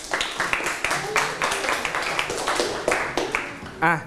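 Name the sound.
students clapping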